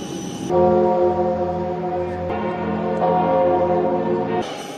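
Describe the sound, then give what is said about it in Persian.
Large church bells in Paris toll loudly to welcome Pope Leo XIV on his arrival, with a rich, sustained resonance, new strikes layering over the lingering hum in a steady, overlapping peal that fills the space. “با ورود او به پاریس، ناقوس کلیساها برای خوش آمدگویی به پاپ به صدا در آمد.”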